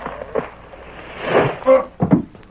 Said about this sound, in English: Boy, somebody fell down from overhead. I seen him. It was one of them boards stretched between the rafters, and it broke with his weight.